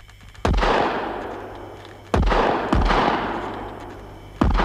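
rifle gunshots

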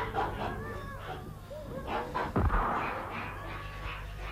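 gunshot

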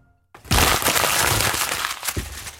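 crumpling paper

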